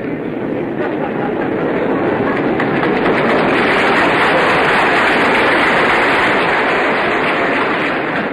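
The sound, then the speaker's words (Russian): A crowd breaks into dense, steady applause that swells after a few seconds and keeps going loudly throughout, a continuous wash of many hands clapping with no voices on top. “Это мне или директору аплодисменты?”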